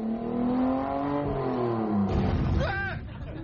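A car engine revs loudly, its droning pitch climbing and wavering as it accelerates, with a sharper whining rise near the end before easing off.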